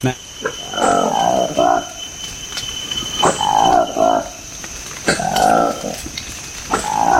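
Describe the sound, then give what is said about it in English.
A Likweli monkey, a newly discovered species from the Democratic Republic of the Congo, gives loud calls in three or four rough, warbling bursts, each about a second long, with short pauses between, over a steady high-pitched insect drone. “This is the remarkable sound of a newly discovered monkey in the Democratic Republic of the Congo.”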